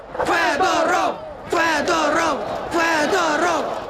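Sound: crowd chanting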